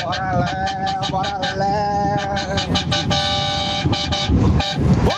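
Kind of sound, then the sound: vehicle, car horns honking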